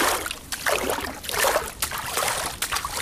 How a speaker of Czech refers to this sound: Stojíme u stavidla a šplouchám tu krásnou, čistou, rašeliništní vodu.